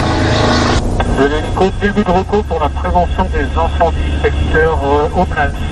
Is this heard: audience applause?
no